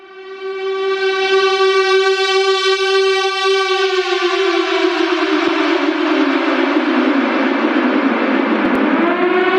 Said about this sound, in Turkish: Erken uyarı sistemleri ve sirenler devreye girdi. Gecenin sessizliğini büyük patlama sesleri deldi. Suudi Arabistan'ın başkenti Riyad geceyi bir kez daha Husilerin saldırılarının altında geçirdi.